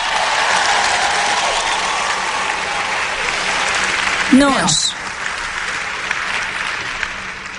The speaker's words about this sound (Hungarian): Gyerünk, adjunk egy tapsot Istennek!